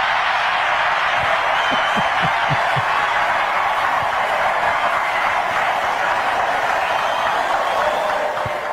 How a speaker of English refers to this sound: That was so mean-spirited. How can you cheer for that? How can you clap for that?